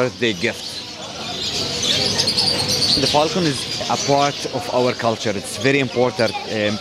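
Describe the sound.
Birds of various kinds at an animal market chirp and twitter in a busy background chorus, with some soft cooing mixed in, while people talk over it in the foreground.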